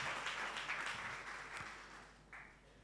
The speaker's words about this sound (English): Well, I'm sure you can do better with the applause, please. Thank you.